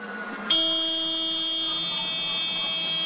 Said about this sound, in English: This is an alarm going off.